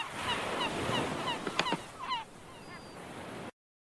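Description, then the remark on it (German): Seagulls cry in a busy, overlapping chorus against a steady rushing backdrop, with a few sharper, louder squawks near the middle before everything cuts off abruptly. “Auch der Möwe ihr Geschreie befreit ihr keinen, oder doch?”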